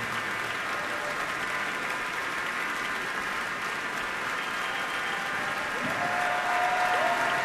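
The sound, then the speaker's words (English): Sustained, dense applause from a large crowd giving a standing ovation at a concert at Orchestra Hall, steady and loud throughout, with a brief whistle or cheer rising near the end. “Crowd really loves him here at Orchestra Hall, standing ovation”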